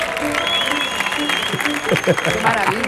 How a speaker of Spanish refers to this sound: Fuerte el aplauso